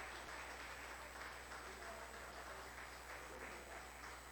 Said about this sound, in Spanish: Y a su nombre, y a su nombre, denle un aplauso al Señor bien fuerte.